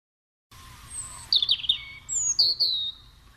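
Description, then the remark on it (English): A chipping sparrow sings a few bright, high chirps and short rapid trills, clear, with no talking and only a faint low background hum. “From the time I first identified the chipping sparrow, I've always thought of him as, well, a friendly bird.”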